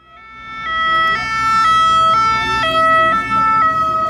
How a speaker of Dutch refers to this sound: je hoort het misschien al aan de sirenes. We zitten al in de buurt van Alpe d'Huez. En hier op dit eigenste moment gaan agenten nog wat fietsers proberen tegenhouden. Het is heel duidelijk, Alpe d'Huez wordt afgezet.